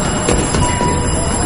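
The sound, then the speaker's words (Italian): A train to Montauk rolls steadily along the rails with a continuous low rumble and a few faint clacks, heard from on board, without any clear talking. “Ho preso un treno per Montauk.”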